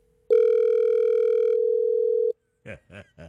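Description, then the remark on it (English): A single long ring tone on an outgoing phone call placed by radio hosts, a steady electronic hum of about two seconds heard through the line, then a few brief voice-like sounds. “Well, let's do some ring-a-dingy.”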